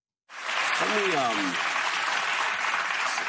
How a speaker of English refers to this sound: Okay, I'm not sure why they're clapping, but we haven't had a question yet, but J.D. tries to respond.